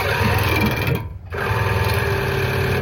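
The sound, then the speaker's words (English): A loud, steady mechanical whirring of an ear irrigation machine flushing water into a person's ears, briefly cutting out for a moment before resuming at full strength. “This is me getting my ears flushed. This is what it sounded like.”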